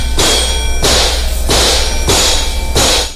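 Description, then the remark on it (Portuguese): A sledgehammer bangs on a car to fix it, five times in a steady rhythm, each loud strike a harsh metallic clang, with a low hum running underneath and no voices. “se você quiser minha marreta pra consertar seu carro, empresta, ó.”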